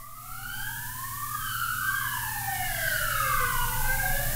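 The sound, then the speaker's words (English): An emergency vehicle siren wails in rising and falling sweeps over a steady low traffic rumble, growing slightly louder as it approaches and drives past. “Probably hear the ambulance or police, whatever it is.”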